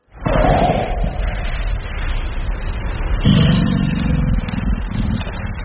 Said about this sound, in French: Parce que le premier c'était un frappement de poitrine, et le deuxième c'est un grognement un peu plus profond qu'on appelle belge, oui. Et qui c'est un peu plus difficile à comprendre.